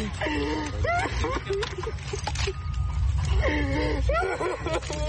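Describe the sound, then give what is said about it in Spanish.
A person just rescued from earthquake rubble gasps and breathes heavily in ragged, strained bursts, while other voices speak over a steady background rumble. “Controla tu respiración, mami. Respira profundo.”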